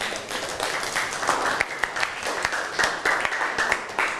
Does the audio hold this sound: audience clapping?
yes